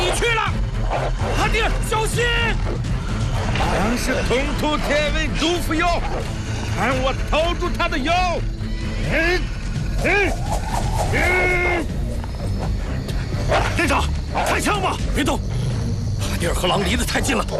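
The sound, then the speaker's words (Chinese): Four wolves snarl and yelp in a dense, continuous chorus of rising and falling cries, loud, mixed with the metallic clattering of pots and pans being banged and shouting voices throughout, as people guard a horse herd. “大哥，四只狼”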